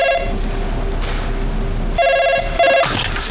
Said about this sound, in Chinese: 哎，我不跟你说了，有个电话进来，回头再聊啊。